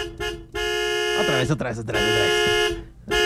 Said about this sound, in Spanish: Y hasta claxon. Aquí el claxon de la regaladora.